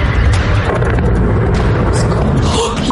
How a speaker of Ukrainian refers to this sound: Вибухи лунають один за одним.